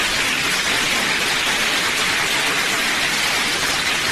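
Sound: applause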